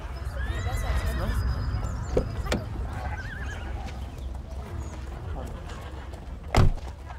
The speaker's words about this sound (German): Ein schönes Pferd hast du. Danke. Gehört es dir? Nein. Ich pflege es nur gerade.